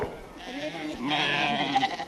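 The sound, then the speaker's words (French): A flock of ewes with suckling lambs bleating together as a bale of hay is brought to them at feeding time, wavering overlapping calls, loud and continuous for a couple of seconds with higher lamb cries cutting through near the end. “Et voilà, des brebis qui ont des agneaux qui têtent, et il faut qu'elles mangent, quoi. C'est la ruée quand on leur apporte une balle de foin.”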